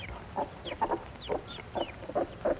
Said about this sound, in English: And now the mother and her chicks come off the nest to eat. These are Plymouth Rock chickens.